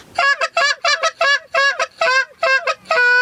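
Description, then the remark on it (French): A goose call blown with a little less back pressure in a rapid series of hiccup notes, roughly seven quick two-part honks that break sharply in pitch, loud and reedy, ending on a longer held tone. No one speaks. “Par la suite, on peut enchaîner avec le hiccup.”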